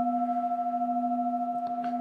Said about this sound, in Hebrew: אפשר ככה להקשיב להתחלה ולסוף של הצלילים, מה שמיוחד בקערות טיבטיות שיש להם דיקה, יש הצליל שלהם הולך ויש לו צליל מאוד מאוד ארוך, תעודה ארוכה, אפשר להקשיב להתחלה ולסוף.